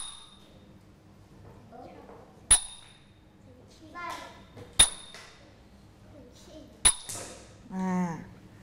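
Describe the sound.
Small Thai ching hand cymbals give three sharp, bright clashes, each quickly damped into the short 'chap' stroke, as opposed to the long 'ching' stroke. The clashes are spaced about two seconds apart, with a voice speaking softly between the strikes.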